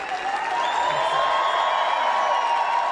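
A crowd roars with sustained cheering and applause as tennis player Alexander Zverev, wearing a black-red-gold German national football team jacket, steps onto the stage at an Adidas employee event in Herzogenaurach; a loud, dense wash of clapping and shouting voices that stays steady throughout, with a few high whoops rising above the din.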